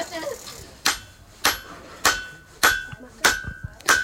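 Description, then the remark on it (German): Six sharp, ringing hammer blows strike hot metal at a steady, unhurried pace, each impact bright and clanging with a brief metallic ring, loud. “schlägt jetzt auf dem Hammer, auch so mit anderen. Und das wird jetzt halt verdrückt und ja.”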